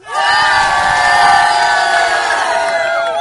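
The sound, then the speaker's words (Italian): A large crowd in Gorla shouts together loudly and enthusiastically, a sustained wall of cheering voices lasting a few seconds, energetic, calling out a farewell to the studio in unison. “Noi però adesso vi dobbiamo salutare e urlare con tutto l'entusiasmo di cui siamo capaci.”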